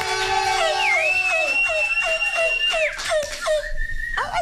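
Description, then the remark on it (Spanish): A high, loud, wolf-like howl rises and holds a long steady note over a rhythmic burst of excited shouts and laughter, apparently a human voice imitating the cry. “Ay, ese es como un sonido de lobo, ¿o qué?”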